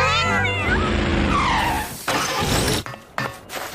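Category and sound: animal, kittens meowing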